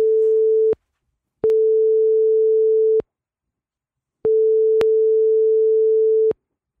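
A phone line ringing tone repeats in long, steady single-pitch pulses separated by silent gaps, with faint clicks at the start and end of each tone. Nobody picks up or speaks.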